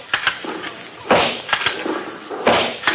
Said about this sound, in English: Our story opens far down in the Pacific Ocean on the Philippine Islands. Men in khaki are engaged in target practice.